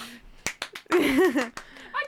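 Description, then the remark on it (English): A handful of sharp hand claps land at an uneven pace, broken up by a brief wavering vocal sound from someone in the middle before a last clap. “Clap if you care.”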